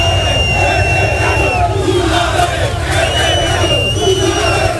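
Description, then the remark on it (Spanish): A dense crowd shouts and yells continuously as the Mallorca team bus leaves the stadium: loud, tense voices overlapping in a steady roar, with a few higher whistles or cries cutting through now and then. “Pues muchos gritos, mucha tensión en la salida previa del autocar del equipo.”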